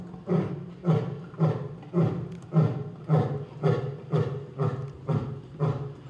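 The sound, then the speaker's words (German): A lion roars in a steady series of about nine deep, rhythmic grunting bursts, each swelling and fading at regular intervals, loud with no voices; the lion is marking its territory acoustically by roaring. “Der markiert jetzt sein Revier, das Löwenbrüllen.”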